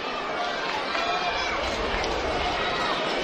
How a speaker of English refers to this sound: Two outs here in the bottom of the eighth. This big crowd revving it up.